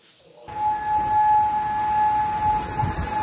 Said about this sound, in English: Well, after those US strikes on Iran, air raid sirens have sounded in Kuwait and Bahrain.